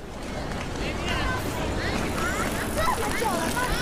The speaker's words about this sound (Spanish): Peatones caminando a mi lado, coches, bicis, pero todos pasando de mí.